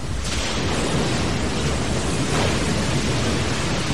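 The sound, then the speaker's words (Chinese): A loud, steady thunderstorm late at night on 18 May 1968: a dense wash of heavy rain with deep, rolling thunder rumbling underneath for the whole stretch, and no voices. “深夜，一场暴风雨来临。”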